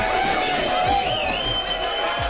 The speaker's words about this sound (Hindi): आलम ये बना हुआ है कि फैंस थिएटर के अंदर हो या बाहर, जश्न मनाते नजर आ रहे हैं। कहीं ढोल नगाड़ों के साथ जश्न मनाया गया तो कहीं दर्शक सीटियां और ताली बजाते दिखे।